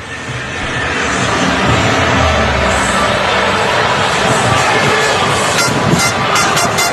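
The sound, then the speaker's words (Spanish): A large street crowd in Madrid, Spain, cheers and roars at the World Cup victory parade in a dense, continuous wash of voices that swells in within the first second and stays loud, with sharper shouts and whistles near the end. “Bueno, pues este es el sonido ambiente de la Rúa ahora mismo”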